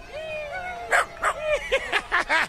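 A small dachshund named Moca, out in Times Square, whines briefly, then lets out a quick run of about six sharp, high yips and barks, fairly loud, with no one talking over it.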